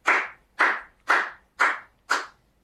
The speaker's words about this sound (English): That's my favorite kind of applause. I mean, I would continue stand up for the rest of my life if it was just one lonesome clap.